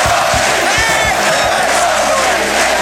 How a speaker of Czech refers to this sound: Ty ovace od těch diváků, ty byly fantastický a celý ten tým, ten byl, tak by se tam na tom ledě těm divákům rozdal. Protože ty byli náš šestý hráč.